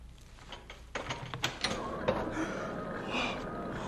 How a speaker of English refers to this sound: The next sight is downhill, at the very bottom of a hill. Seems strange to see a door in the side of a hill. Open it.